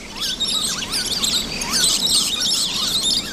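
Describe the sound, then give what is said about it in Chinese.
A dense chorus of lorikeets chattering and screeching in a rainforest as they search in small groups for food, with many overlapping high, shrill chirps and quick rising calls sounding continuously over a low background hum; no one speaks. “林兄西蜜鹦鹉三三两两的结伴寻找雨林中最美味的食物，树胶桉对他们来说吸引力巨大。”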